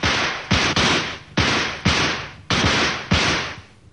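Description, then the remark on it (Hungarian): Loud rifle shots fired at a shield set at the foot of a tree, part of a ten-shot volley, fire in quick succession: six or seven sharp cracks about half a second apart, each trailing off in a brief echoing decay, with no one speaking. “Duella, kezdjük. 10 lövés.”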